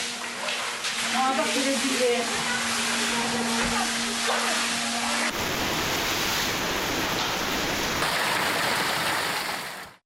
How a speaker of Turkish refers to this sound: Kentte etkili olan sağanak merkeze bağlı Çıprık beldesi Sinanpaşa ve İhsaniye ilçesindeki bazı